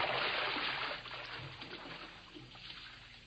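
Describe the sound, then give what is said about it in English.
Sloshing and splashing of water as someone in high boots wades through shallow water to fetch a small wrecked model ship, fairly loud at first, then softening into gentler swishing with a few small splashes. “My boots is higher than yours. The water's kind of shallow.”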